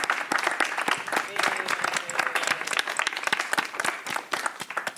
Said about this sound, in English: Let's give an applause to the panelists.